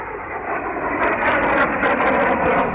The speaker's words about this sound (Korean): 비행기는 쌩하고 곧장 동쪽으로 날아갔다. 폭탄을 던지지도 않고 빙빙 돌며 정찰을 하지도 않았다.